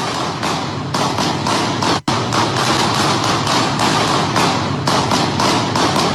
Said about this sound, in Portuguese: E no áudio também é possível ouvir alguns tiros, dezenas de tiros.